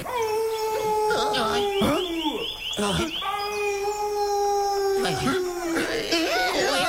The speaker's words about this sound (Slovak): Počuli ste to? Čo to bolo? To je vlk!